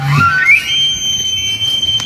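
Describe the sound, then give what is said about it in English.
An elk bugles at Prince Albert National Park in fall, near the end of the mating season (the rut): a low grunt rises into a long, piercing whistle-like note that holds steady at a high pitch for about two seconds, loud and alone without any talking. “Elk bugling is one of my favorite sounds in the world.”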